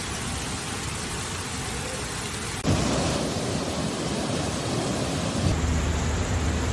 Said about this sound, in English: Torrential rain hits the Spanish cities of Barcelona, Valencia, and Spain's eastern Mediterranean coast after the country's hottest summer on record, submerging streets.